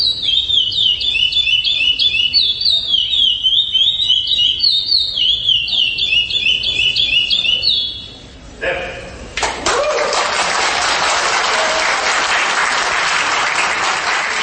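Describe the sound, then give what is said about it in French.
A songbird kept by breeders sings loud, repeating the same high, piercing trilled phrase over and over for several seconds, then breaks off into a dense wash of applause-like noise. “Un chant lancinant, entêtant.”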